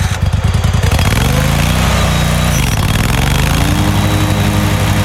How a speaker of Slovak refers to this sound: Aj keď neviem, či každý traktor vydáva takýto zvuk, ale je to traktor a bude tam traktorovica.